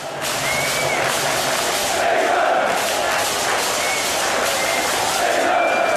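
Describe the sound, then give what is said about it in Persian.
A dense crowd of England football fans at Boxpark in west London chants and cheers continuously while watching England play Mexico, a steady roar of many voices with sustained sung tones, chants of "England, England" and occasional whistles rising above the mass of sound. “باکس پارک غرب لندن برای چند ساعت به امتداد ورزشگاه آستکا تبدیل شد، جایی پر از آواز، استراب، بغل‌های ناگهانی و فریادهایی که تا سپیده دم ادامه داشت.”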